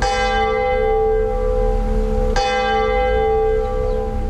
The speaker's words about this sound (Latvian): Šobrīd pulkstenis katru dienu, laikā no pulksteni 9 līdz 21 zvana tik reizes, cik laikrādes tobrīd rāda. Pār pilsētu ierakstā atskan tieši Smiltenes baznīcas zvana skaņas.